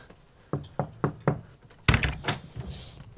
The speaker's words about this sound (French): Alors, on va rentrer. Est-ce qu'il y a une cloche? Non, mais on va frapper.